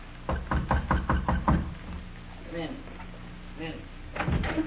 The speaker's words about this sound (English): Okay. Knock on the door.